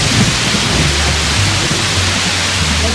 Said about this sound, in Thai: สุนัขจิ้งจอกได้หัวเราะลั่นและท้าทายผู้มาเยือนว่าถ้าเขาเป็นเทพจริงเขาต้องพิสูจน์ความมีอิทธิฤทธิ์ของตนด้วยการทำให้ฝนตกและหลังจากนั้นฝนก็ตกลงมาอย่างรวดเร็ว